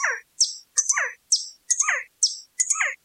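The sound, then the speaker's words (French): Birds chirp in quick, repeated bursts, about seven bright twittering calls in a steady rhythm, clear with no talking and silence between them, heard on a birdwatching trip to South America. “Nous sommes partis en bateau vers un pays étranger pour observer les oiseaux.”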